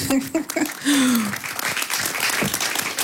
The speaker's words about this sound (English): Thank you. I also like, yes, clap, please.